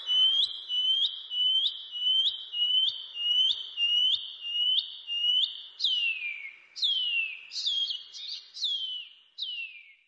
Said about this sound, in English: The pipi wharaurua. The shining cuckoo.